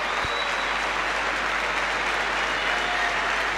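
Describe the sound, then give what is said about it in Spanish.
A sustained roar of applause and cheering from a large stadium crowd giving an ovation to Burkina Faso players raising their arms, steady and loud throughout, a dense wash of clapping with no breaks and no clear voices standing out. “varios jugadores de Burkina Faso que ahora levantan los brazos y reciben esta ovación, mirá.”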